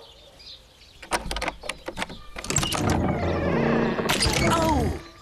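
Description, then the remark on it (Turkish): Chickens cluck in short, sharp bursts, then break into a loud, continuous chorus of overlapping squawks and clucks that holds for a few seconds before cutting off. “Bekleyin burada bakalım hamarat tavuklarım.”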